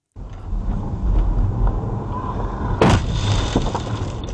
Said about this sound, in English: The moment a high-speed e-motorbike rider crashed into John Neal's car.